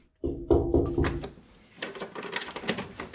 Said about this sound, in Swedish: öppnar dörren till sin källare i det lilla radhuset i Tommelilla.